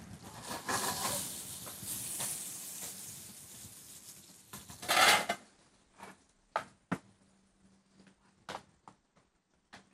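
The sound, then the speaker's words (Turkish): Lightly blanched asparagus sizzles loudly in oil in a hot pan as it is sautéed for several seconds, then the hiss drops away to a faint simmer broken by a few sharp taps and clinks of a utensil against the pan. “Orada kuşkonmazlarımız güzelce soteleniyor.”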